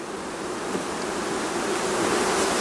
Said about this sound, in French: Le bourdonnement des abeilles, c'est sans doute la musique préférée d'Ivana Tulsek. Apiculteur depuis 53 ans dans l'ouest de la Slovénie, il possède plus de 250 ruches.